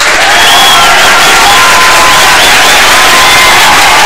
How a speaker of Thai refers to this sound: ตอนนี้ทีมงานต่อสายเรียบร้อยแล้วนะครับขออนุญาตปรบมือต้อนรับ